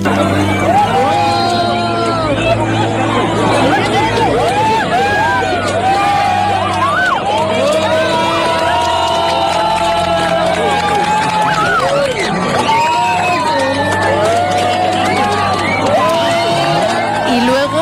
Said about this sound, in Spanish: La temperatura bajaba, una pequeña brisa nos inundaba hasta que todo oscureció. Colores que antes no habíamos visto. Un minuto de silencio para muchos, de aplausos para otros, de emoción y de gritos de alegría por todo el acontecimiento.